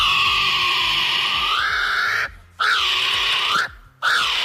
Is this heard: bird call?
yes